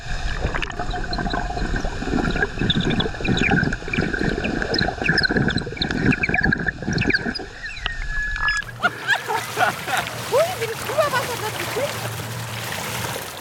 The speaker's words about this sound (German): Also wir tauchen beide ab, du nimmst das tolle Unterwassermikrofon mit und ich spiele die Symphonie des Wassers unter Wasser. Die Symphonie des Grauens. Okay, des Unterwassergrauens. 1, 2, 3, wir gehen alle runter.